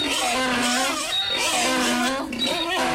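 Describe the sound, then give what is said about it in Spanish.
A donkey on a farm brays loudly, a harsh, strained call rising and falling in pitch that fills the whole moment with only a brief catch of breath near the end. “Y luego allá un burro allá de repente.”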